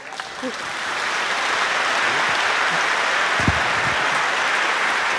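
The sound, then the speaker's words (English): A large audience applauds the orchestra, the Iceland Symphony Orchestra, and the program's composers; the dense, even clapping swells slightly in the first second and then holds at a loud, constant level for several seconds. “One more applause.”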